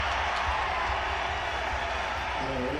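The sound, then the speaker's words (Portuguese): A football stadium crowd roars as Hendrick comes on as a substitute, in a dense, steady wash of cheering voices that holds at an even, loud level for the whole stretch, with no single voice standing out. “Olha a reação do estádio.”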